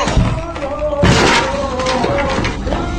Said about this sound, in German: Licht flutete durch die zerborstene Tür.